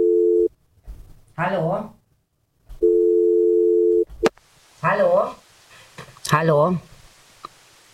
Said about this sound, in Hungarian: Még egyszer csörög, akkor se szól. Jó.